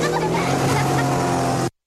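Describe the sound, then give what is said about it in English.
A motorboat engine drones steadily and loudly, its humming tone running unbroken over a wash of noise for under two seconds before cutting off abruptly. “There's a problem if you drink and drive a boat.”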